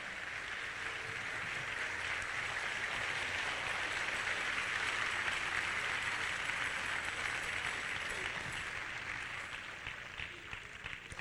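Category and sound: crowd, audience clapping hands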